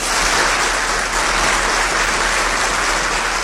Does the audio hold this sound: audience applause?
yes